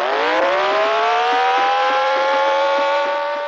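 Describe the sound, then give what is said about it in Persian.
A car engine roars loudly during a police car chase in the final part of a film, its pitch climbing steadily as it revs and accelerates hard through a continuous high-speed run, with no voices. “در بخش پایانی فیلم شاهد یک تعقیب و گریز هستیم. پلیس‌ها ماشین علی رو تعقیب می‌کنن”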